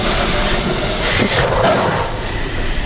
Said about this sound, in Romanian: Unde se duce trenul ăsta? Unde-i duce? Se duce. Se duce departe.